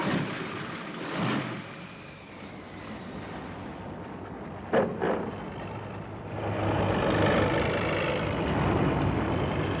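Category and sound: vehicle, all-terrain vehicle engine running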